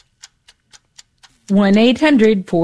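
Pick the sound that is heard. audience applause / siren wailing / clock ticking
clock ticking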